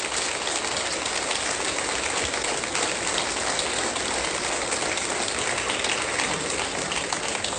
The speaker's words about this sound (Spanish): Y de paso le damos un aplauso a estos siervos fieles, a nuestros diáconos.